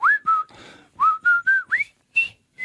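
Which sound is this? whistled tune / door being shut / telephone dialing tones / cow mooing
whistled tune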